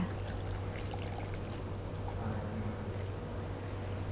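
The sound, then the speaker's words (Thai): Water pours steadily out of a glass into a water filter during a children's class demonstration, a continuous splashing trickle that holds an even level for about four seconds over a low background hum, with no talking. “เทให้หมดแก้วเลยค่ะ”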